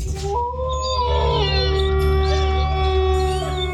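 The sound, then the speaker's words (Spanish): A loud wolf howl sound effect in the jingle of radio station Lobo 97.7, with long wavering tones that rise and glide over several seconds, layered above a steady low bed of sound. No one speaks. “Poniéndole sabor a tu día desde el primer aullido.”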